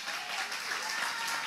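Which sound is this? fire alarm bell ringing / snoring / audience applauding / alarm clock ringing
audience applauding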